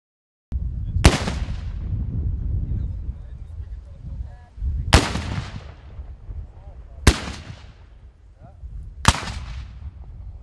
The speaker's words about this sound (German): Das Böllerschützentreffen des Verbandes der deutschen Schwarzpulverkanoniere vom 19. bis 21. August auf der Königspfalz Tilleda war gleichzeitig Jubiläum und Premiere. Zum einen fand es zum 10. Mal statt, zum anderen zum 1. Mal an diesem Ort.